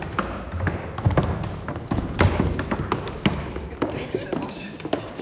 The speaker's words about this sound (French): Les musiciens bougent les chaises. Ils parlent, ils rient, ils toussent.